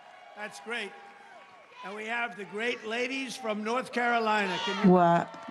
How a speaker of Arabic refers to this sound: هتاف ترامب 2028 هنا في الصف الأول.